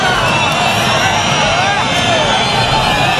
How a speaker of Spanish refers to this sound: Este es el abucheo que esta semana hemos escuchado varias veces, porque es llamativo. Marlaska fue a Abaza, el momento en el que los nuevos guardias civiles de una nueva promoción juraban.